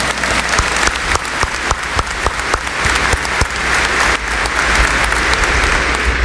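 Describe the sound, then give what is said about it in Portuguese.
A sustained round of applause from an audience welcoming everyone at the start of a Catholic Holy Mass presided over by Archbishop Dom Mário Antônio. Dense overlapping claps with a few sharper individual claps standing out, steady and loud throughout with no voices. “Bem-vindo você, sua Romaria, você que está nos acompanhando também pela Rádio Aparecida, acolhendo a todos nós com uma salva de palmas.”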